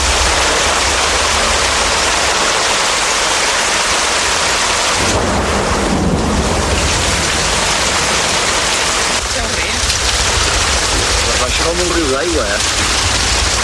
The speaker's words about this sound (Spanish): Esa tarde íbamos a una cena para despedirnos ya de mi tío y mi primo, concretamente, y nos cogió la tormenta en medio de todo y como consecuencia la riada.